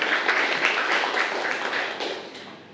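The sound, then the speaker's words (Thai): A group of students in a class applauds a classmate who answered a question, a dense patter of many hands clapping steadily for a few seconds at moderate volume, tapering slightly toward the end, with no talking. “โอเคดีมากเลยครับนักเรียนปรบมือให้เพื่อนเลยนะครับ”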